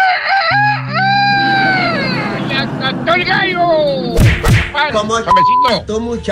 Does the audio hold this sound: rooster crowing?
yes